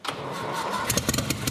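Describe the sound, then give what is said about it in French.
A car engine cranks and catches, settling into a steady rumble with rhythmic pulses, fairly loud, with no voices over it. “Ouais ! Génial ! Il tourne.”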